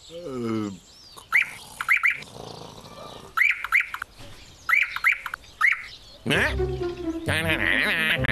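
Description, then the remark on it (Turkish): A nightingale sings in short, repeated bursts of bright, rapid chirps and whistles, with brief pauses between phrases, ending in a fuller warbling stretch; a voice is heard at the start. “Bülbül, sen de geldiğine göre rahat bir uyku çekebilirim.”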